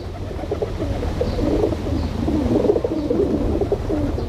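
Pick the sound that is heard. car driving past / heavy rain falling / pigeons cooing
pigeons cooing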